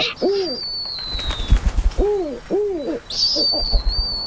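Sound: owl hooting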